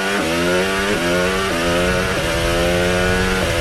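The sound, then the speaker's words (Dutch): George Russell's Formula 1 car engine screams at high revs, its pitch climbing steadily and then dropping sharply with each quick gear change, roughly five shifts in a row, loud and continuous with no voices. “Op het geluid van George Russell.”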